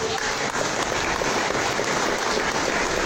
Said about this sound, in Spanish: Bien, quiero saludar a los amigos emprendedores en esta reunión. Un aplauso para los emprendedores.